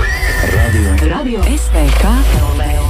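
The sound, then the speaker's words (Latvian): A horse whinnies loudly, its wavering, descending neighs rising and falling in quick pulses for a few seconds, with a low rumble of background noise underneath. “Es ceru, ka esat lekuši jau zirgos. Lecam zirgā.”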